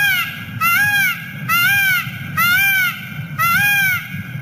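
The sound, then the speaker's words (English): Four loud, nasal, rising-and-falling peacock calls repeat at an even pace, each about half a second long, with a low rumble of background noise between them. “You would be able to tell if that was a peacock if you were just in the wild.”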